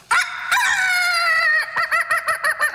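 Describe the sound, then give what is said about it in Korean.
A loud rooster-style crow, one long strained call followed by a quick run of short rhythmic bursts, apparently a human voice imitating a rooster crowing outside a window at about 5 a.m. rather than a real bird. “그것도 그냥 닭이 아니었습니다. 마치 마이크를 잡은 것처럼 쩌렁쩌렁 울리는 닭.”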